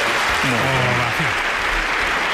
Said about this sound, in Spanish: Ya está. Ovación, espera.